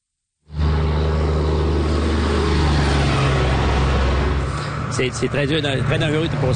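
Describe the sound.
Loud, steady roar of traffic on four-lane Route 169, which connects the Capitale-Nationale and Saguenay-Lac-Saint-Jean regions, with a deep engine rumble and vehicles rushing by continuously at over 90 km/h; a voice starts talking over the noise near the end.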